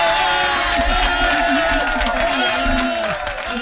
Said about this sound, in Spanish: ¿Dónde están los aplausos, Toñito? Hoy te veo flojo, hoy te veo flojo.